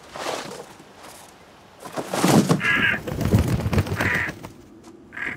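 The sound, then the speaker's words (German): A crow caws three times in short harsh bursts over a background of rustling and clattering movement. “Warum hat denn der überhaupt da die ganze Zeit an dem Grab gesessen?”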